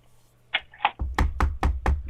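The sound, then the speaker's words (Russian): Knocking, done on request by someone calling for help: two lighter raps, then a steady run of about five loud, heavy knocks with a deep thudding body, evenly spaced roughly a quarter second apart. No one speaks. “Ну-ка, стучи.”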